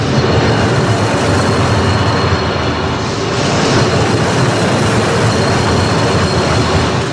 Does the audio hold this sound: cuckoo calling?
no